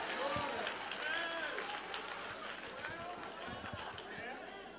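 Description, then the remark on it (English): An audience claps and murmurs together, steady scattered hand claps mixed with lively crowd chatter and a few raised voices, at moderate volume throughout. “Clap your hands and give God the glory anyway.”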